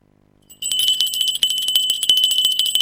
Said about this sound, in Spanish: Suena la campanilla.